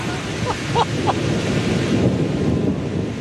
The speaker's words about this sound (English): So we just parked, and it is starting to thunder and rain. So perfect conditions for knocking on doors, right?